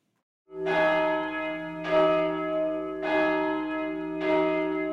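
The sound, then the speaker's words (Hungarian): Church bells ring out in a steady, evenly spaced rhythm, four loud strikes about a second apart, each blooming into a rich, lingering hum that overlaps the next. No voices are heard. “Most pedig a tegnapi harangszó rovatunk ismétlése következik.”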